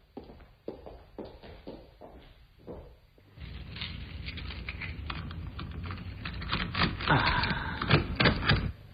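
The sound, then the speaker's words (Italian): Quick, uneven clicks of fingers typing on a computer keyboard for about three seconds before a louder, dense wash of noise takes over and buries the keystrokes. “Lo sai usare davvero questo computer?”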